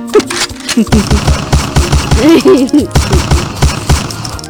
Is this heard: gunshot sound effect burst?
yes